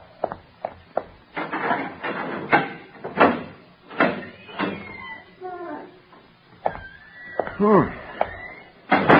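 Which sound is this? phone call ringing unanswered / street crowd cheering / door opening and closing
door opening and closing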